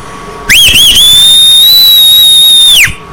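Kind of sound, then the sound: human body sound, person whistling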